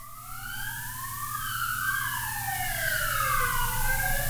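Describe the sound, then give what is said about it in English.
An emergency vehicle siren, from an ambulance or police vehicle, wails in rising and falling sweeps, growing louder and steady as it drives past, with a low rumble of traffic underneath and no talking. “You can probably hear the ambulance or police, whatever it is.”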